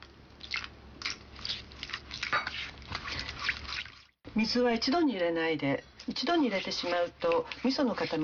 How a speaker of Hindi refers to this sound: तो एक डेगची में चार बड़े चम्मच मिसो पेस्ट और चार बड़े चम्मच चीनी डालिए और अच्छी तरह मिला लीजिए। अब इस मिश्रण में लगभग 50 मिलीलीटर पानी दो हिस्सों में बांटकर मिलाइए।